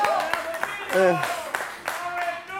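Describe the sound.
Audience applause: steady crowd clapping with sharp individual claps standing out, plus a brief voiced shout or cheer rising over it partway through.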